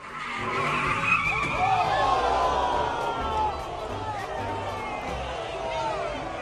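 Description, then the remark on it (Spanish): Tires screech continuously as cars skid during illegal street drag races in Los Angeles, California, with sweeping high-pitched squeals over rumbling engines and a noisy crowd of onlookers in the background. “Ahora, este otro atropellamiento ocurrió durante arrancones ilegales acá en Los Ángeles, California.”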